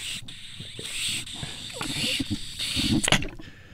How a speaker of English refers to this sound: And now I can drink out of it, but I want you to hear what it sounds like, because this is not acceptable for a water bottle on the radio. Here we go. I'm going to drink.